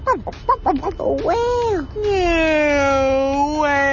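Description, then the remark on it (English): A person imitates a whale call: a few short choppy vocal sounds, then two long, loud moaning tones that slide slowly downward in pitch and curl upward at the end. “Whale sound.”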